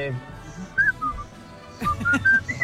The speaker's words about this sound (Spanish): Silbido. Voto canta, voto silbado.